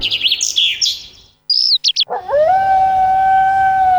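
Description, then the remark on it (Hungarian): In a radio advertisement for Wolfsblut dog food, a few quick bird chirps give way to a long, steady dog howl that rises and then holds one sustained pitch, loud, with no voices present. “Hallod? A természet hív. A kutyád nem csak házi kedvenc, benne még ott él az ősi ösztön.”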